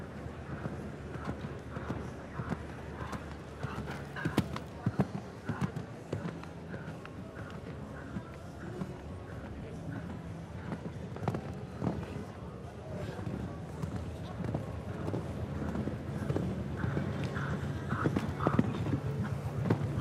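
Steady rhythmic hoofbeats of a ridden horse cantering on soft ground, continuous throughout, with a low rumble of wind and movement noise underneath.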